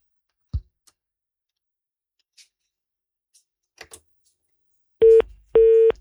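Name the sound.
phone call dropping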